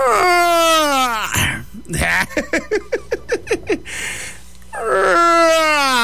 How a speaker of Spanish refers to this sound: Oigan, me quedé bien dormido otra vez y ya se me iba a hacer tarde. Déjame bostezo bien profundo.